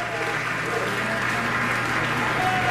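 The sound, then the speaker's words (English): Steady, dense applause from a full-house audience at a third curtain call for chamber musicians at Meydenbauer Center in Bellevue, a continuous wash of clapping at an even loudness throughout, with no voices standing out above it. “A third curtain call for our musicians.”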